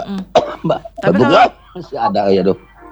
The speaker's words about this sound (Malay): Ya masih baru pulih setelah sekian hari batuk pilek yang kena begadang terus nonton bola. Malam ini jam 2 lagi nih Pak ya? Udah batuk benar, lagi nih.